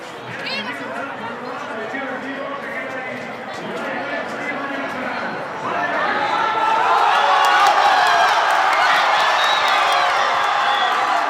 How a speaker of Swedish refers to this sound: Segerjubel naturligtvis i Madrid.